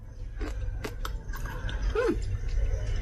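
Crunchy chewing of a spicy side dish mixed with perilla oil and sesame seeds, a series of crisp, irregular crackling bites over a low background rumble, with no talking.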